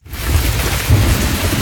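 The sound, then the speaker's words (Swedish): Steady rain hisses across the whole clip while a deep, rumbling roll of thunder swells underneath, loud, with no voices. “På sommaren vill man inte att det regnar.”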